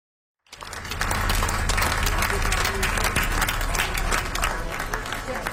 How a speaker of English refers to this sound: Final applause for singer